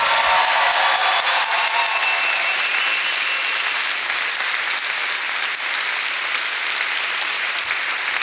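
A room full of people claps steadily for several seconds, a dense, sustained wash of applause that stays loud and even throughout without any voices on top.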